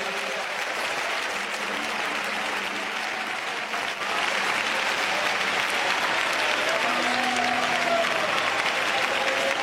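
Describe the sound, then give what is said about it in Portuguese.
An audience at a worship service claps steadily while praising the name of the Lord, a dense, continuous wash of many hands at a loud, even level, with faint voices and a few sustained tones underneath. “Vamos, pode bater palmas e louvar o nome do Senhor.”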